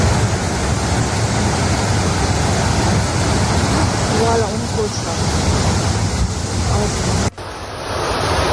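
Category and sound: nature, rushing floodwater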